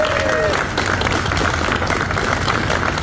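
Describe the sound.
A crowd claps steadily and loudly as a firefighter injured in the Searsmont mill explosion and fire leaves Maine Medical Center: a dense continuous patter of many hands, with a brief whistle near the start and voices murmuring underneath.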